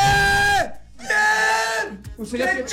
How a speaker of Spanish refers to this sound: Grite, está emocionado, grite.